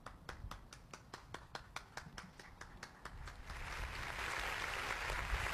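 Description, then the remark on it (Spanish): A single person claps in a steady, even rhythm, about a dozen sharp claps, then the sound swells into a dense, louder wash of applause from a crowd. “Un aplauso a quien, a los que están, a ver si podemos escuchar.”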